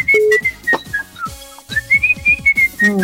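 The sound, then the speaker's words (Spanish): Someone whistles a lively melody, the clear high notes sliding and held in short phrases over a steady, rhythmic musical accompaniment underneath. “Hay unos que cantan chiflando, uno anda cantando”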